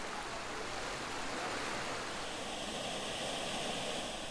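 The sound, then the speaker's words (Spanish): Water from a spring bubbles and flows steadily out of the ground in the canton of Belén, in the San José metropolitan area of Costa Rica, a continuous even rush with no pauses and no voices. “Aquí vive 1 millón de personas y por todas partes brota agua del suelo. Hay decenas de manantiales.”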